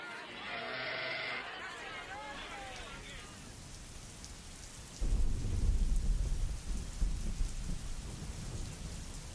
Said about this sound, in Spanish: Y parece que se viene de nuevo la lluvia. Vos sabés que yo estoy en Córdoba. Y anoche sí, por lo menos llovió un poco.